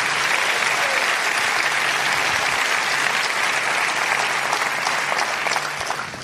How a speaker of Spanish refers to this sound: Dale un aplauso fuerte al Señor allí.